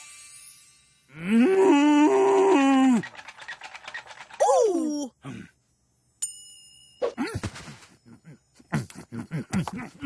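A cow gives a long, loud, wavering moo, then a shorter second moo. A bright bell-like ding follows, and then people talk.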